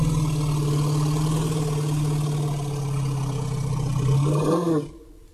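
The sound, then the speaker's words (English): A group of elephants gives a deep, engine-like rumbling 'let's go' call that drones steadily for several seconds, swells slightly near the end, then cuts off abruptly. “This is the let's go call, they call it.”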